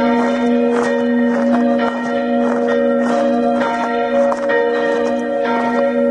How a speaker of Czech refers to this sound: nový soubor zvonů, samozřejmě v návaznosti na zvony, které již umístěné a které zde již zvoní, takže po akustické stránce je změříme a od nich vycházíme a k ním přiřadíme další nové zvony, které budou znít náležitě na souzvuku s těmi ostatními.